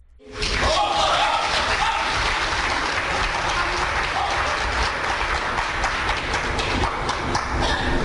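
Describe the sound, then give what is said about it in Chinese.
An audience at a crosstalk show breaks into loud, steady applause welcoming performers Guo Degang and Wang Wenlin after a brief moment of quiet, a dense wash of many hands clapping that holds at full strength for about eight seconds. “小楼跟您，咱们掌声请出这二位。”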